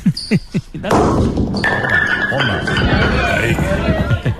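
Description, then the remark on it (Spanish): A few heavy thuds roll out, then a loud, dense clatter as a thrown ball knocks down six or seven bowling pins at a bolos rodados championship run by a festival committee, followed by a sustained noisy wash of the crowd applauding and voices. “Tiró 6 o 7 bolos.”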